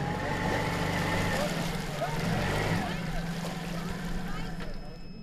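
A small boat engine chugs steadily at a low, laboring pitch, running at only half power after the boat ran into a mat of algae on an overgrown canal in the Krummhörn near Pilsum; its drone is continuous throughout with faint splashing and background noise around it.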